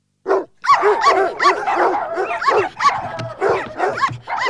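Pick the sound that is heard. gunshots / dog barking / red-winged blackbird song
dog barking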